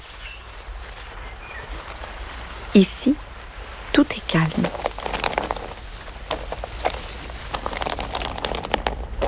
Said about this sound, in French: Est-ce que tu entends l'eau de la rivière ? La rivière coule. La rivière coule paisiblement.